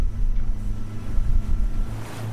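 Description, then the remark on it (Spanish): A boat motor drones steadily, low and rumbling, with water rushing and wind buffeting around it as the boat travels out to a salmon farm about 1200 metres from the shore. No one speaks. “En el barco nos acompaña”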